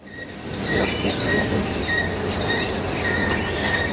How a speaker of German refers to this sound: Sie quietscht, aber sie funktioniert. Die Rolltreppe in den 2. Stock.